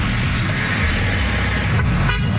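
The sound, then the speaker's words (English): Car horns blare loudly and almost continuously over a dense rumble of street traffic, the honking overlapping for the whole moment with no voices. “I wake up at 3 in the morning and it's like people honking.”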